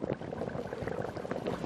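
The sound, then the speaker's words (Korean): Water bubbles at a rolling boil in a pot, a steady dense crackle of popping bubbles, fairly loud, with no talking over it. “끓는다.”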